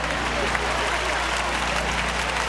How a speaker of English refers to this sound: They were giving themselves a round of applause.